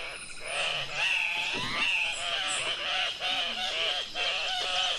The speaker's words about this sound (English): During mating season, groups of males gather at centrally located leks, or breeding spots, where they scream, grunt, flap their wings, bob their heads, and clack their bills at each other in mock fights.